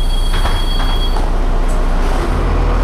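A tram in Prague rumbles past, its wheels letting out a thin, high squeal for the first second before the heavy rolling noise carries on steadily, with no one speaking.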